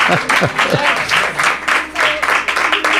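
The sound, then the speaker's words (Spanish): An audience in Ireland applauds steadily with dense, overlapping, loud clapping, while voices cheer and call out underneath throughout. “Qué bien suenan esos aplausos, qué bien suenan.”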